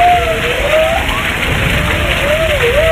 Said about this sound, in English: The answer is a humpback whale. I'll also accept whale as an answer.